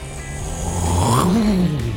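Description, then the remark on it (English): A voice mimics the Hooligans military jet flyover for the Battle Jacks' opening night, a loud rushing hiss with a buzzing vocal tone that climbs in pitch, peaks, then slides back down over about two seconds. “By the way, this is my imitation of the Hooligans flyover tonight.”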